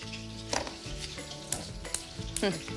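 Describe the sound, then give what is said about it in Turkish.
Several sharp clicks at uneven intervals as a gas stove burner's igniter is tried repeatedly and the burner refuses to light, over a steady sizzling background with a faint hum. “Ocakta yanmamakta ısrar ediyor.”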